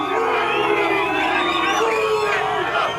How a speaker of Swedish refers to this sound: Ja, utanför hotellet ackompanjerades den engelska spelarbussen av intensiva burop från mexikanska supportrar.